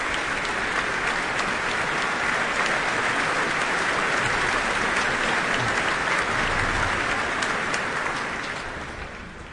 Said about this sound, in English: And we're about to hear that, but that applause is for the leader of the Royal Philharmonic Orchestra, Duncan Riddell.